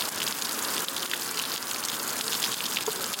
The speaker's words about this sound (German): Zement und grober Kies werden zusammengerührt. Was entsteht, sieht erstmal aus wie ein grauer Puffreis. Und wenn Wasser auf die Oberfläche trifft, fließt ein guter Teil direkt unten wieder raus.